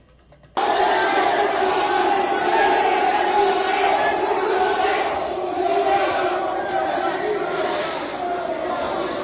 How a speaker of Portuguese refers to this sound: Nesse momento, a torcida do Remo tá xingando o Neymar